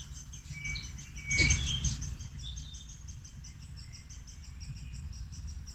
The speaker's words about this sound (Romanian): zice, e de ajuns să ies în grădină și se aud păsărelele.